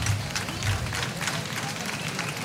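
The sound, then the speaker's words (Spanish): An audience applauds Manolo Zapata as he comes to the centre of the stage with his son to receive the Vela de las Nieves medal, a dense wash of many hands clapping at an even loudness throughout, with faint crowd murmur underneath; broadcast on YouTube and 8 Televisión. “Bueno, un aplauso por favor para Manolo Zapata.”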